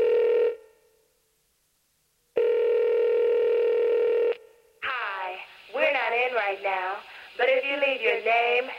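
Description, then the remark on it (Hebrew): Two long, steady electronic telephone tones separated by a short silence, then a warbling, chirping electronic sequence of answering machine signalling and beeps, opening a song by a girls' group from around 1992-93, fairly loud and with no talking. “באותם שנים היה עוד הרכב בנות שניסו שיצליח להן, והם הוציאו שיר אחד על מותי, שמתחיל עם משהו שאולי אתם לא זוכרים. מזכירה אלקטרונית.”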